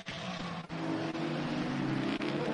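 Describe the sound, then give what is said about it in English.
The race car engine of driver Collado, pushing hard after setting the fastest lap, roars steadily at high revs, with sustained harmonic whine and a few brief dips as the driver shifts gears, loud throughout with no voices. “Collado once again has put the hammer down after that fastest lap.”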